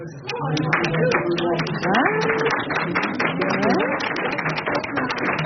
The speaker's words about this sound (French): Alors il y a des pour et il y a des contre ici dans l'Assemblée ? Qui est pour qu'on foute la paix au loup ? Par applaudissement.